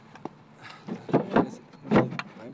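A wooden lid is set down onto a furniture frame by two people together: a light tap, then a few hollow knocks and brief scraping bumps as it settles into place.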